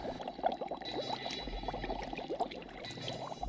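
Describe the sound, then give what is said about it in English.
Continuous bubbling water from a pool, a dense stream of small pops and gurgles at a steady moderate level, with a low rumble underneath and no voices. “You hear the bubbles?”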